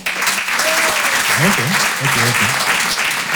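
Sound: audience applause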